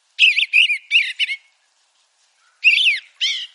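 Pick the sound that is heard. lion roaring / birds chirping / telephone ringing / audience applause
birds chirping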